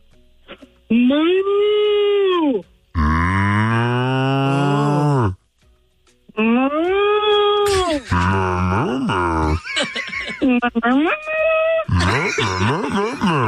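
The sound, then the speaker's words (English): Two people take turns imitating cows, with long, drawn-out, wavering moos following one after another, loud, with short gaps between them and no ordinary talk. “The mooing stops tomorrow.”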